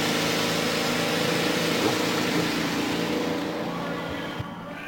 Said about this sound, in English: Drivers, start your engines. Let's go.